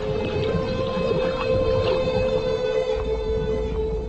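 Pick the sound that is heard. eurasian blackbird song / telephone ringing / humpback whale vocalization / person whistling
humpback whale vocalization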